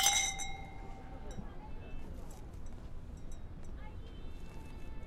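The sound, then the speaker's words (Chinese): A bright ring of glasses clinking together in a toast welcoming guests to a family's home meal, a few overlapping chimes that fade quickly, followed by a steady murmur of people chatting at a table. “来，我们欢迎兄弟，欢迎弟妹到我们家做客。 干杯。”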